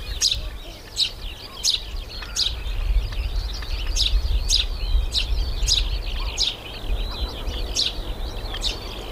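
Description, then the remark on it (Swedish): Birds call outdoors by a lighthouse on a sunny, slightly windy day: small birds in the lighthouse garden chirp in a quick, steady series of bright notes, with pigeons, a lark high in the sky and shorebirds calling around, over a constant low rumble of wind or surf. “Och man hör både småfåglarna i fyrträdgården. Okej, duvor också. Lärkan uppe i skyn och så strandfåglarna liksom runt omkring.”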